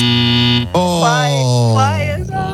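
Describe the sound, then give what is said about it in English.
A loud, flat electronic game show buzzer sounds for under a second during a song-guessing game, then cuts off sharply as a voice comes in. “can you back off that buzzer just a little inch there?”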